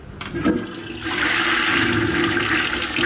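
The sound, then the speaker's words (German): A toilet flushes, a steady loud rush of wastewater swirling down the drain that builds after a brief start and continues without pause. No one speaks. “Was hier gerade im Abfluss verschwindet, ist für Professor Uwe Schröder keineswegs nur Abfall.”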